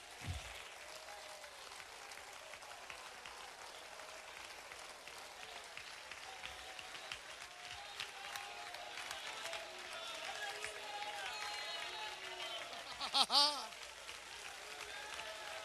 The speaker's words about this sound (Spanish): Vamos, mientras usted aplaude, yo voy soltando una palabra de sanidad, de liberación sobre cada persona que nos escucha a la distancia.